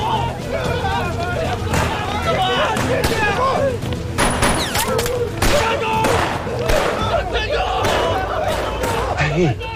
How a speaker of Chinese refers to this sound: 天雷劈下来了。 不是天雷，是爆炸。